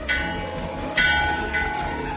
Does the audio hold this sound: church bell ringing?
yes